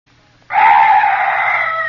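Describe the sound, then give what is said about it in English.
An eerie night bird lets out a sudden, harsh screeching call in the dark at night that starts abruptly and holds loud and unbroken, with no voices and only faint low hum behind it. “Oh, some night birds. Yes, that's all. Such a weird sound.”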